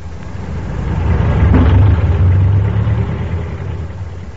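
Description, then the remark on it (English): Steady traffic of cars flowing past a store, engines rumbling low, one vehicle swelling louder as it passes and then fading into the general drone of the street. “This evening we find them in the store, Ebb kneeling on the floor painting a sign, and Zeb leaning against the door jamb watching traffic flow past.”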